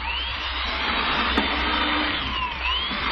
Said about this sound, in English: Look how it drill holes through this board. Oh, it drills too fast.